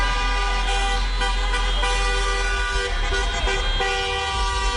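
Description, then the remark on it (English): Many car horns blare at once in a continuous, overlapping chorus of honking, loud, with a low rumble of traffic beneath and no one talking, as Spurs fans celebrate a playoff victory. “Meantime, Spurs fans continued the tradition of celebrating a playoff victory by honking.”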